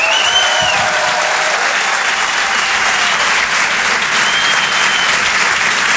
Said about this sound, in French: Rire et Chanson Comedy Club. Je demande un tonnerre d'applaudissements, s'il vous plaît,